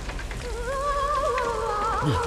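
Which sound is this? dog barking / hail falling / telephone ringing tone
hail falling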